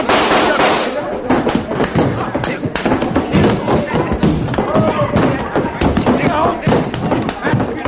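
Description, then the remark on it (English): A pistol grabbed from a table fires several sharp, loud bangs during a fight in a judge's saloon, amid a dense, continuous commotion of crashes and thuds, with voices shouting throughout. “Tulsa's grabbed his gun on the table. Here, and I'm gonna use it.”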